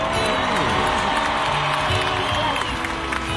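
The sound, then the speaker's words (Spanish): A large crowd in Colombia applauds and cheers continuously at an event with a singer for a cause to help lift the country, a dense wash of clapping with shouts and whoops rising over it, loud and steady throughout. “Así que un aplauso por ustedes, Colombia.”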